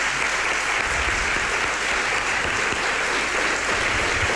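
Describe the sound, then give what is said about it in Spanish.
Steady applause from a large audience filling a hall of the Alcázar in Seville, a dense, continuous crackle of many hands clapping at an even loudness throughout, with no voices standing out. “Les voy a pedir un aplauso muy grande para todos, para hacerse notar que están ahí.”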